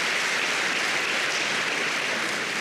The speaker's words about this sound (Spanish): ¿Cuántos lo creen? Dele palmas al Señor por eso.